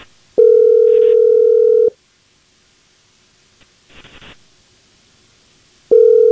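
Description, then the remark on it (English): Phone ringback tone from an outgoing call placed by the Jesse James Morning Show to a listener: a steady electronic ring of about a second and a half, a long pause with a faint rustle, then the ring starting again. No one speaks. “Well, we'll go ahead and give Casey a call for you here.”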